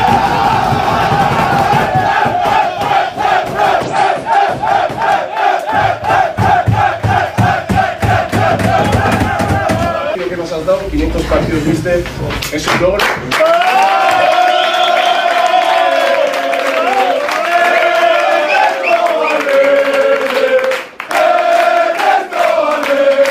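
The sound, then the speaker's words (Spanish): Athletic Club football players loudly chanting and cheering together in the dressing room, singing to coach Ernesto Valverde for his 500th match, with rhythmic shouts and sung lines echoing and occasional claps and whoops throughout. “y también en el vestuario, con camiseta especial para el cuerpo técnico encabezado por Ernesto Valverde y por Jon Azpiazu, por esos 500 partidos, y los jugadores a ese grito, ¿no?, de Ernesto Valverde y cantándole al técnico del conjunto rojiblanco.”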